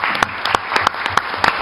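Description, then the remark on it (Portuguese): An audience applauds, a dense, steady wash of clapping with a few sharper, louder claps standing out at a roughly regular beat, with no voices over it. The applause at a public hearing is for Eduardo Suplicy, who is not present. “Uma salva de palmas para ele também.”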